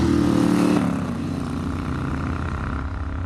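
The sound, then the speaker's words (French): A Moto Guzzi 1000 motorcycle engine drones steadily at a low, throbbing pitch while being ridden along small roads, louder at first and then easing slightly as the rider keeps going, with no talking over it. “Et là, on peut profiter du 1000 Guzzi.”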